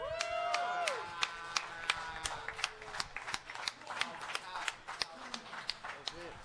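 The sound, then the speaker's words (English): Scattered audience clapping: sharp, uneven handclaps pop out loudly over a steady crowd murmur, with a brief vocal whoop near the start and voices mingling throughout. “Yeah, shot claps.”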